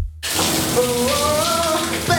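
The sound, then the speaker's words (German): A new shower runs steadily after a brief moment of silence, its dense, hissing spray loud. A faint wavering tone drifts over the rush of water. “Laut in der neuen Dusche singen?”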